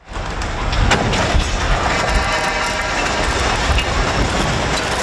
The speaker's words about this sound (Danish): Det var et 50 meter langt stillads, der omkring klokken 5:30 i aftes væltede og rev flere elledninger ned på kørebanen. Det lød sådan her.